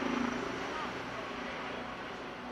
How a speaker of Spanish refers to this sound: Bajan las temperaturas, oímos constantemente esos helicópteros, como decía, bajan las temperaturas y eso va a facilitar las tareas de extinción.